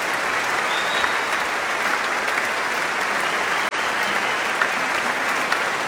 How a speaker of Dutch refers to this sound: En ik denk dat we er een toegift uit gaan slepen hier. Want, jawel, dat hij een instrument in zijn handen heeft en niet aan het dirigeren gaat, betekent dat we meer muziek gaan krijgen. Maar eerst nog wat meer applaus.